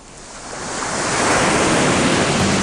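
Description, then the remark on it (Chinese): Sea waves on Gulangyu island in Xiamen surge against rocks in a broad, hissing wash that swells steadily louder over a few seconds, a dense roar of churning water with no voices. “你听，鼓浪屿的海水拍打礁石”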